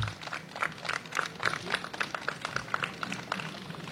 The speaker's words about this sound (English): So please give her a big round of applause and a warm welcome.